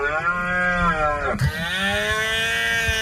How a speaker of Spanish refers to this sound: Estos días, en los montes y en las dehesas de Extremadura, resuenan los ecos de la berrea.